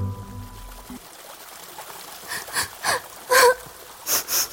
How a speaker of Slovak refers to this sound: Počuli sme také... Také čudné fňuka a smrk.